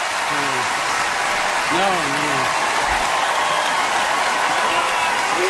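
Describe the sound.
Steady, dense applause from a large Emmy Awards audience for Matthew Rhys fills the whole clip at an even, loud level, with brief voices rising over the clapping now and then.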